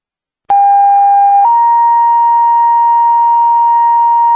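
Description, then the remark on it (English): A loud two-tone dispatch radio paging alert paging Babbitt Ambulance for ALS: a steady pure tone for about a second, then shifting to a slightly higher sustained tone that holds unbroken to the end, with no voices. “Babbitt Ambulance, page for ALS.”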